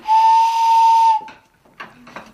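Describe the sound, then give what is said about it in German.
A loud, steady whistling tone with a breathy hiss from two barrel organ pipes played together holds for about a second like a steam train whistle, then cuts off, followed by faint airy puffs and a low hum. “Oder einen tieferen Ton. Und wenn man die zusammenspielt, hat man eine Eisenbahn.”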